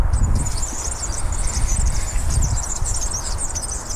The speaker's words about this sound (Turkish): Bir kere daha çalayım. Gerçekten yağlanmamış bisiklet zinciri sesi.